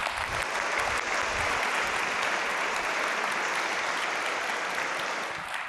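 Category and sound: crowd, audience applause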